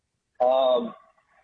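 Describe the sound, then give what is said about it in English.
A single loud dog bark rings out sharply and then trails off, with silence before and after it. “The CNI dog. What do we have going on here? What do you say, dog?”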